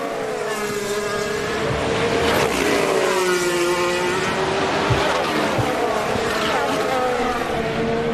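Formula One race cars scream along the track, their high-pitched engines rising and falling in pitch as several cars pass in succession, loud and continuous throughout.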